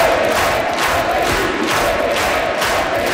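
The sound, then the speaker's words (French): A packed Red Room (salon rouge) at Quebec's National Assembly cheers and applauds loudly and continuously as the premier-designate Paul St-Pierre Plamondon enters before his swearing-in, a dense wall of shouts and clapping with no single voice standing out. “Le premier ministre désigné est entré sous les acclamations dans un salon rouge plein à craquer à l'Assemblée nationale.”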